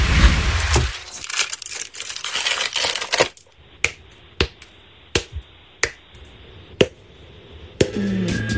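Crinkly rustling of a chocolate bar's foil wrapper, then a series of sharp, crisp snaps at irregular intervals as pieces are broken off, with no one talking.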